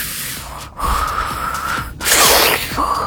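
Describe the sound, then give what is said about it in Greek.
A voice imitates the sharp sniffing inhales someone makes in their sleep: three breathy drawn-in gasps separated by brief pauses, fairly loud, with no talking. “Ρουφάει στον ύπνο της. Κάτι τέτοια κάνω.”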